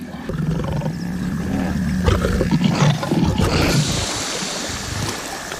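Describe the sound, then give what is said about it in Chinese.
A lion roars in a low, rumbling threat at Nile crocodiles feeding in the water on an elephant carcass, a couple of deep growling bursts over a steady wash of water noise, loud throughout with no talking. “尽管有这么大一份食物，狮子还是不想与尼罗厄分享。这样的恐吓没什么威慑力，在水里，尼罗厄才是霸主。”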